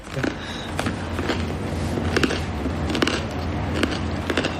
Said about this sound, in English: Yeah. Wow, the bread is crunchy.